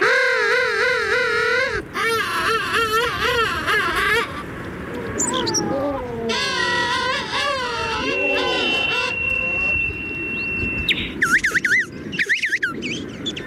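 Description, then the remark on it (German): King penguin calls: loud, warbling trumpet-like cries from several birds overlapping one after another over a constant colony hubbub, with one long steady whistling note partway through. “Aber naja, bislang hat er noch nicht so richtig viel zu befürchten, der Königspinguin, der Bilderbuch Schöne Vogel, der uns ein wenig in den Winter geleitet, nicht wahr?”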